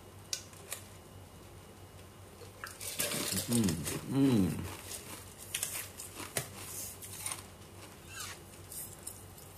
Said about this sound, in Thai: โทษผมขอกินน้ำแข็งหน่อย